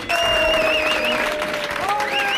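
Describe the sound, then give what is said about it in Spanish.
A large crowd of protesters in Madrid, greeting news that there will be no new Social Security housing auctions, chants in unison "la lucha es el único camino", with sustained, tuneful group voices over a steady roar of cheering and clapping, loud throughout the short stretch. “Bueno, para nosotras supone lo que siempre venimos diciendo, que como estaba cantando la gente, la lucha es el único camino”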